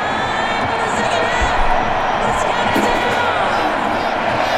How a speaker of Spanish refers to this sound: Se escuchaba también hace un momento cómo los gritos eran para Hendrick.